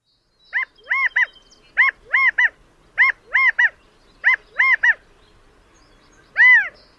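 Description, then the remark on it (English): A California quail calls in clear, loud three-note phrases, repeated four times at a steady pace, then a single louder note closes it. No one speaks, and the background is quiet. “California quail are stocky, plump-looking birds found throughout their namesake state, as well as in parts of the Pacific Northwest and Northern Rockies, where they've been introduced.”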